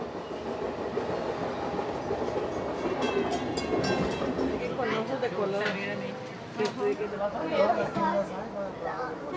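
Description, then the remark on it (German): A regional passenger train rolls steadily along the rails with a continuous rumbling clatter, while several people chat indistinctly inside the carriage. “Hier wird der Zug auch noch als regionales Verkehrsmittel genommen.”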